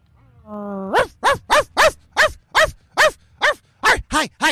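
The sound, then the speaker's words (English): A dog named Drunk Puppy lets out a brief rising whine, then barks loudly and steadily about eleven times in quick succession, with no one talking. “We have Drunk Puppy who came up to the stand, and he wants to have a little bit of a say.”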